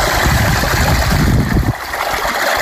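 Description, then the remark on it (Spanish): Drinking water from a village fountain runs and splashes steadily with strong force, a loud, continuous rush that eases slightly toward the end, with no voices. “junto a la fuente del pueblo aseguraba que el agua sigue siendo rica y fresca y que lo peor que te puede pasar si la consumes es que la palmes.”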